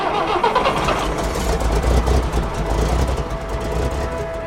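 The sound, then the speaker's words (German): A camper bus engine cranks and catches, then settles into a loud, steady low rumble with a faint whine, with no voices. “Und ich dachte, okay, ich habe dieses Kaffee, das hat 4 Räder, ein Lenkrad, einen Motor, also geht's los.”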